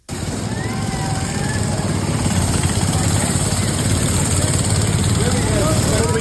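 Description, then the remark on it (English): The small engines of the Shriners' little mini cars drone and whine continuously at a loud, steady level as they race, their pitch shifting slightly as they rev, with indistinct crowd voices mixed into the noise. “We're watching the Shriners and the little mini cars do a race.”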